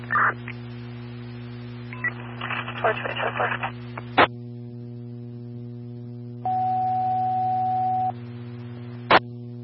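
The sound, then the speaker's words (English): Dispatch pager alert tones (retones) for a pregnancy call in South Zone, County Division 1, come over a radio channel: a steady electronic tone holds for about a second and a half, framed by short bursts of static and a constant low hum. “These are retones for a pregnancy at 903 Red 7150, State A's and Adam.”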